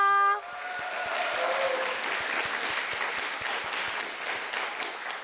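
Sustained audience applause for the performers after the first stage performance, a dense steady wash of many hands clapping for several seconds, following the brief tail of a held musical tone at the very start.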